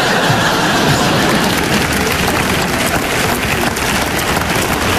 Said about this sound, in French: Signe de tempête. Force 12, des vents à plus de 160 nœuds. 160 nœuds, les filles. En langage nautique, on appelle ça au bonheur des dames. Une tempête de dingue,